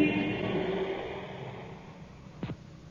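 Cars drive away from a station in London in response to an air raid warning, engines revving, the broad rumbling roar loud at first and then fading steadily away, with a brief sharp knock near the end.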